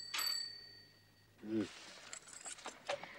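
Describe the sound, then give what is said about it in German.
A single bright bell ring sounds at the start, its clear metallic tone hanging and fading over about a second, followed by brief indistinct voices and faint rustling. “Aber Kind, ich muss doch, wenn klingelt.”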